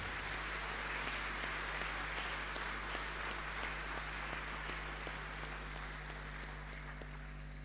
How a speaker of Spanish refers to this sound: Y un aplauso por la fortaleza de esas mamás.